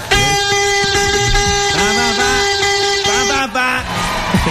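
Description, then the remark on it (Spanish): Loud, continuous vuvuzela blasts fill the whole clip, several horns droning together in a buzzy, brassy tone, with some notes bending and wavering in pitch over a steady blare. “Me tienen hartos a bubucelas.”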